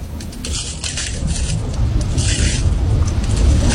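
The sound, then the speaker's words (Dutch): Crisp crunching and crackling of brittle hardened lava from an old lava flow breaking underfoot with each step, while walking toward a 1000-metre cone-shaped volcano, a glassy, clinking rasp in irregular bursts over a steady low rumble, with no voices. “En als we er overheen lopen, dan breekt die af. En dat geeft een knisperend geluid. Het afbreken van die lava.”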